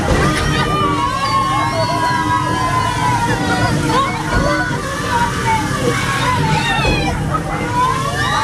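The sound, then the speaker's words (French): Steady, loud sloshing and splashing water fills the scene as a boat ride moves along a small river at an amusement park and is sprayed by water cannons, with a busy crowd's voices and excited shouts mixed throughout. “Là, c'est simplement un bateau qui avance dans une petite rivière. Mais ajouter à ça des canons à eau, et ben on passe un super moment qui est au-delà de simplement la balade au milieu d'un joli décor.”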